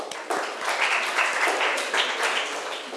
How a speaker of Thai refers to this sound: ถูกต้องค่ะปรบมือให้เพื่อนหน่อย